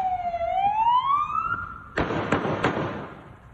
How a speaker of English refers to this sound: trying to subdue this guy. He is clearly, whoever's down there is not cooperating. You know, he's squirming, he's kicking, he's fighting. And then you'll hear the gunshots from the cop.